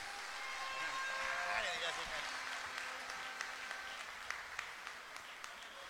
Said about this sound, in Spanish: Oye, más fuerte el aplauso a nuestro presidente del jurado y a nuestras parejas, pues. ¡Bravo, bravo!